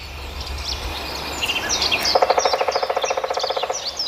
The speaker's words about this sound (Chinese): 远处又传来了啄木鸟敲击树木的声音，啄木鸟一秒钟能敲击树干十几次。